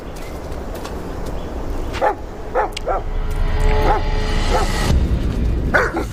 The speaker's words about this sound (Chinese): 一只狗突然冲出，把半尾吓走。